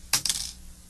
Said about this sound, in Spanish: Un día, un garbanzo peligroso se cayó debajo de la cama y al caerse, sonó como suenan los garbanzos peligrosos.